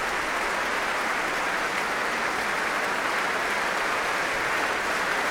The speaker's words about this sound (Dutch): En nu ook applaus voor de verschillende muzici van het Concertgebouworkest.